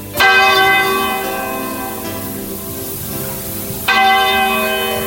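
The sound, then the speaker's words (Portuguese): A church tower clock bell strikes midnight over the square in front of the church, tolling twice, slow and resonant, each heavy stroke ringing out and fading slowly before the next one lands a few seconds later. “E quando o ponteiro daquele relógio da torre da igreja deu meia-noite, começou a tocar.”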